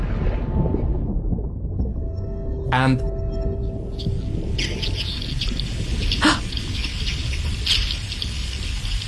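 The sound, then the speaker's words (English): Underwater sounds of thousands of herring in a fishing trap beneath a boat, recorded with a hydrophone: a steady hiss carries sharp crackling pulse trains, with two louder bursts of rapid clicks and a dense chorus of high, fizzing ticks in the second half. “The whole box was just singing of these sounds. It was just incredible. It was just this cacophony of herring.”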